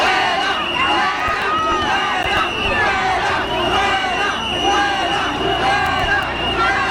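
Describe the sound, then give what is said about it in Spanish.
A large crowd of citizens shouts and jeers at the arrival of reporter Vito Quiles, demanding that he leave, many voices overlapping in a loud, dense roar of angry yelling and chanting that never lets up across the whole stretch. “Posteriormente, la llegada de Vito Quiles no sentó nada bien entre los ciudadanos que pedían que se marchase de allí.”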